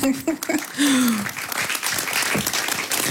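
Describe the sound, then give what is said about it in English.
An audience breaks into steady, loud applause, a dense wash of clapping that continues throughout, with a brief vocal whoop or cheer rising over it at the start. “I also like, yes, clap, please.”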